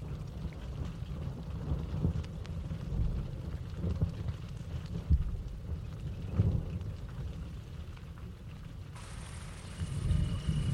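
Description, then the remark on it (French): Rain begins to fall and patters steadily while a low, rolling rumble of thunder swells and fades underneath; near the end a thin, high insect-like whine joins in. “commence à pleuvoir.”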